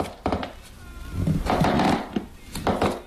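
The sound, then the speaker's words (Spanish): A wooden floor in a living room creaks and groans as someone crosses it, in several drawn-out, uneven strains, with scraping, buzzy texture and a few sharper knocks, moderately loud and with no voices. “Atravesó el salón y el crujido del suelo de madera llamó su atención.”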